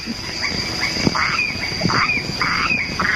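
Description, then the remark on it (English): A dense night chorus on Stirling Island in the Treasury Group: a steady, high insect drone of crickets and cicadas runs throughout, overlaid by repeated loud, raspy croaks from calling frogs. “Here they are, the crickets, the frogs, the cicadas and all their brood.”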